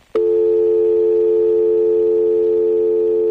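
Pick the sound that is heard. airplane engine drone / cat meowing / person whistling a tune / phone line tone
phone line tone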